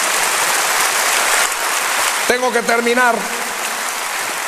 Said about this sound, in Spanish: Dele un aplauso de gloria a nuestro Señor.